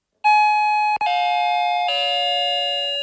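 An electronic doorbell chimes a sequence of three clear tones that step downward in pitch, each note ringing on steadily. It is fairly loud, with no voices.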